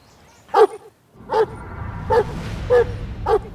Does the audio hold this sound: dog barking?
yes